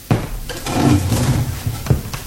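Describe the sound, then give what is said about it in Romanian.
A desk drawer slides and knocks with wooden thuds, a sharp bump at the start and another near the end, moderately loud with no voices. “Am constatat că dispăruseră cele trei scrisori pe care Grenworth le ținea în sertarul biroului.”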